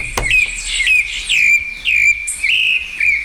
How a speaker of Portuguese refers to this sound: Opa, os sabiá apareceram? Os passarinhos não tem nada a ver com isso, já acordaram, ó.